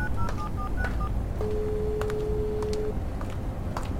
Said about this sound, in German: zog ihr Handy hervor und wählte die Nummer ihres Vaters.